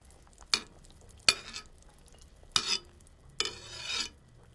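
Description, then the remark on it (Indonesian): A ladle skims fat off the surface of a simmering chicken broth in a pot over lowered heat: four short swishing strokes at uneven intervals, fairly soft, with no talking. “Kalau air sudah mendidih, kecilkan api dan buang lemak yang naik ke permukaan.”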